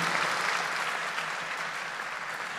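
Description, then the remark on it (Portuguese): An audience at a Catholic camp gathering applauds Our Lady (Nossa Senhora) together, a dense, steady wash of many hands clapping at once, sustained and fairly loud throughout with no voices standing out. “Vamos dar uma salva de palmas à Nossa Senhora, ela que é nossa mãe, nossa rainha.”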